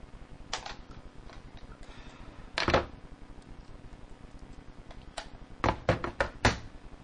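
Several sharp, loud bangs like doors slamming, one early, one near the middle and a quick cluster near the end, over a low steady hum with no voices.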